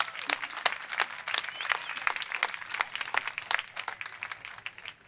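An audience applauds steadily, dense overlapping claps forming a continuous bright crackle at moderate loudness, tapering slightly toward the end, with no voices over it.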